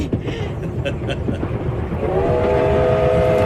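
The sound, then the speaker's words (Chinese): A train pulls away with a steady, loud rumble and a few clanks; about halfway through, a sustained whistle-like tone rises above the noise and holds to the end. “火车把平荣带向了远方，转动的车轮也撵走了时光。”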